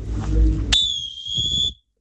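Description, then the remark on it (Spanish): A referee's whistle blows one loud, sustained shrill blast lasting about a second, signalling a hydration break, cutting in sharply over low crowd rumble and background murmur, then stopping abruptly. “¿Quién es el árbitro ese, Preto? Suena fuerte ese silbato, ¿eh?”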